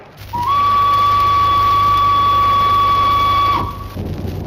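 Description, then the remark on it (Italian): A sharp, steady high whistle sounds for about three seconds at one unwavering pitch, loud over a continuous rumbling, clanking machinery din that carries on after the whistle stops. “Gli auditori avranno udito questo fischio acuto.”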